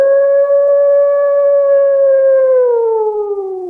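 A single long wolf howl holds a steady, clear tone for a few seconds, then slowly slides downward as it fades, loud with nothing else around it.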